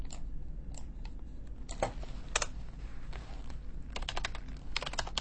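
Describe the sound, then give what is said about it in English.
Crisp mouse clicks tapping out at an irregular pace, some single and some in quick bursts, with a dense cluster of rapid clicks near the end over a low background hum. “The next ASMR you will hear is some mouse clicks.”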